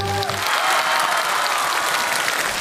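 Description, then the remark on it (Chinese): A crowd applauds a performer about to attempt a stunt challenge, a dense wash of clapping that holds at an even, fairly loud level throughout, with a brief trace of a voice at the very start. “好了，那朋友们，如果您觉着咱们这个唱联能顺利完成，给他来点掌声好不好？”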